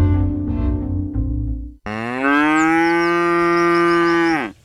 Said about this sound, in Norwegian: Og der var lyden av en ku på utmarksbeite.